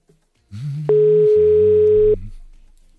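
A single loud, steady telephone ringing tone sounds for just over a second during an outgoing call, over a low humming background, then cuts off abruptly.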